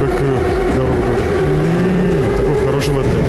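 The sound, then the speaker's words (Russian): A metro train runs steadily with a loud, continuous low rumble and droning tonal whines that slowly bend in pitch, the noise holding even throughout. “А вы заметили, что у него звук таяния синхронизировался со звуком метро?”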